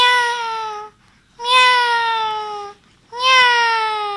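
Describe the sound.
A school student doing mimicry imitates a cat, giving three drawn-out meows of about a second each with short pauses between, fairly loud, with no other talking.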